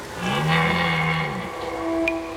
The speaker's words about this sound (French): Pendant la saison des amours, les brames du cerf retentissent dans toute la forêt. C'est un cri très particulier, un son rauque. Dans la nuit, il pourrait presque donner la frousse.